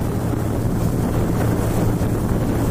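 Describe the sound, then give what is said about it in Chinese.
A speedboat motors steadily across the water toward the East Ant Island (蚂蚁岛) seal observation point, its engine a constant low drone beneath rushing wind and spray, loud throughout with no voices. “因为斑海豹对声音具有高度的敏感性，噪声较大的渔船不便靠近蚂蚁岛，为避免对它们造成干扰，我们决定乘坐一艘快艇前往。”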